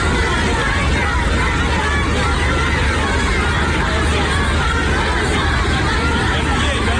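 Hundreds of Chinese schoolchildren in rows cheer and chant at a welcome ceremony for Trump and China's leader, jumping and waving United States and Chinese flags, in a constant, dense roar of overlapping high voices, loud and unbroken for the whole stretch, with no single speaker standing out.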